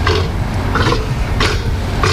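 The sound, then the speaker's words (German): South American sea lions bellow and grunt in repeated rough, throaty bursts about every half second to second, loud over a steady low rumble of background noise. “Die Robben mit der Löwenmähne, ja, da hätten wir drauf kommen können tatsächlich. Die machen ja putzige Geräusche hier.”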